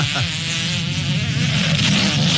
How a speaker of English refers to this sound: Like, we're trying to hear it. We want to hear the fart. We got to hear the fart.